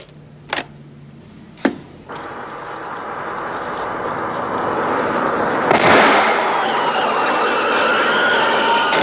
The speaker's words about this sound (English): This is a gunshot. And the second is a blowout.